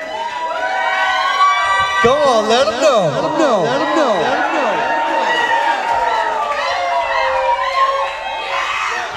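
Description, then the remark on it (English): A large concert crowd screams and cheers loudly and continuously at a 2011 show after about 2.5 hours of music, with high-pitched shrieks rising and falling over a dense roar, while a voice briefly speaks over the noise. “You might have to let him go to the bathroom real quick or something, but then keep screaming, though.”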